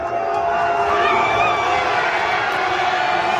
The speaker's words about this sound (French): Un énorme cri de joie dans un café un peu avant 4 heures du matin, coup de sifflet final de l'arbitre, un cri de joie et puis ça.